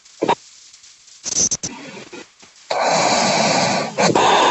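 Breathing or snoring sounds from a radio phone-in caller come through a muffled, band-limited phone line: a few rough, snorting bursts, then a steady hiss of noisy breath that continues to the end.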